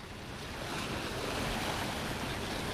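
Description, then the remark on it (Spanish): Sea waves breaking against the rocks that support an aquarium, heard from its balcony as a steady, continuous roar of surf with a slight swell in loudness, no voices over it. “Estamos aquí mirando a las rocas que soportan este acuarium desde hace tantísimos años. A ver si se escucha algo lo que nos dice la mar.”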